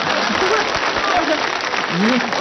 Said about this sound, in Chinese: 来， 你看他还来劲儿了啊！ 来，这鼓掌啊！